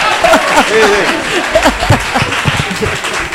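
An audience applauds steadily for a few seconds, a dense, fairly loud wash of many hands clapping, with scattered voices and cheers mixed in.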